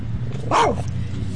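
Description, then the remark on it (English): A single sharp, high-pitched bark from Sparks, a small black and white rat terrier chihuahua mix, rising and falling quickly over a low steady background hum. “He's a rat terrier chihuahua, and he doesn't let people get too close to me, I think for fear that they're going to hurt me or, you know, whatever.”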